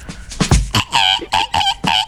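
A rooster crows: a loud, strained call broken into several short, rising-and-falling bursts in quick succession, with a few rough clucking notes at the start.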